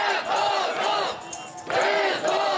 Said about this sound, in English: Meanwhile, a large group of demonstrators gathered in Kyiv on Sunday to demand the reinstatement of former Defence Minister Mykhailo Fedorov, who was dumped from his role last month.